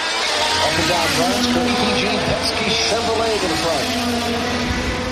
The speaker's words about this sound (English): And that is because racing cars have been speeding around a 250-mile course, about 400 kilometres, which goes past the US Congress, the Washington Monument and other landmarks in the nation's capital.